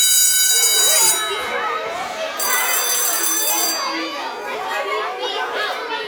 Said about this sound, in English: It means when you hear these tones, you are just a few minutes away from emergency weather information.